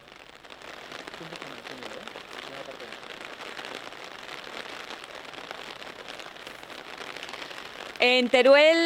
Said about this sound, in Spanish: Ahora mismo estamos en Teruel capital, que está arreciando en este momento la lluvia, aunque no se han registrado hasta el momento incidencias